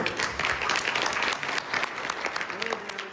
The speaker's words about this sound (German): Und von Präsident Macron gab es entsprechenden Applaus.